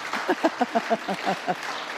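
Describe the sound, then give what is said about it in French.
Applause at a church gathering, clapping to praise the Lord, in quick, even rhythmic claps, about eight or nine beats over two seconds at a steady moderate loudness, with a faint murmur of voices underneath. “Applaudissez le Seigneur par mon bouquin.”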